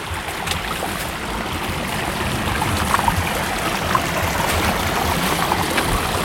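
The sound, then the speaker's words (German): A flowing mountain stream rushes steadily, a dense continuous wash of water with small splashy bursts, loud and unbroken for the whole stretch, with no voices. “Weil wenn der Bach wenig Gefälle hat, dann ist er tiefer.”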